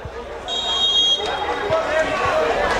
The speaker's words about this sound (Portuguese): Se acompanha ao fundo aí a torcida, gritando, comemorando bastante, apoiando o time. Aproveita o batuque.